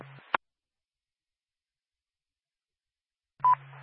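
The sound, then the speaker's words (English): A second dispatch alert tone, requested for Groveton M1, over a radio channel: a brief burst of static, about three seconds of silence, then a short steady mid-pitched beep with radio hiss. No one speaks. “Do you need a second tone?”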